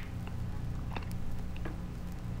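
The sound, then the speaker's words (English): Crunchy chewing of hard, brittle aspirin tablets, with a few sharp crackling bites over a low steady rumble, no talking. “I chewed it up, that's why.”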